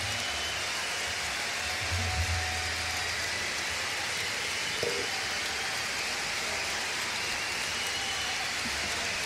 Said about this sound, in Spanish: Más fuerte ese aplauso para agradecer todo el talento desde la décima región, desde la isla grande de Chiloé,